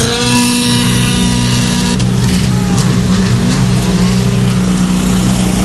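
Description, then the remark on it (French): A Citroën C3 Rally 2 rally car's engine idles loudly with a steady drone, then roars as it pulls away from the start about two seconds in, the noise rising into a rough acceleration. “Elle se retrouve là, donc copilote à bord de cette Citroën C3 Rally 2.”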